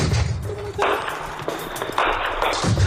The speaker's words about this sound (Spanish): Este sonido que escuchamos es el de los disparos de las milicias FANO al encuentro con las Fuerzas de Defensa Nacional de Etiopía en los alrededores de Amedo, en el este de Amara.